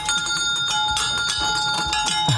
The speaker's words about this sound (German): beim Nostalgiekarussell von Hans-Heinrich Dieckmann mit der Original-Feuerwehr-Auto-Klingel von aus den 50er Jahren